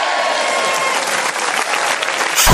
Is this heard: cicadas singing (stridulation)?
no